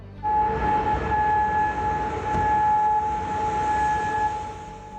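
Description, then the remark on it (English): Air raid sirens sound a steady, sustained tone that holds for about four seconds over a broad, rumbling city background in Kuwait City, following an Iranian drone and missile attack, with no voices present. “Air raid sirens are heard over Kuwait City following an Iranian drone and missile attack.”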